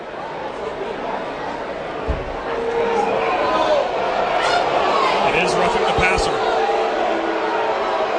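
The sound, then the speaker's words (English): A large University of Virginia college football stadium crowd roars in disapproval of a roughing-the-passer penalty on their team against Syracuse, the noise swelling a few seconds in and staying loud throughout, with an announcer speaking over the din. “This UVA crowd, as you can hear, does not like it.”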